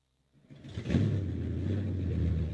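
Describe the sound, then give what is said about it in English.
Stock car engines rev and roar on the quarter-mile dirt racetrack on Kodiak island, a loud, sustained rumble that swells in quickly after a brief quiet moment and holds steady, with a throaty low drone. “But the island is home to one of the most remote stock car racetracks in the country.”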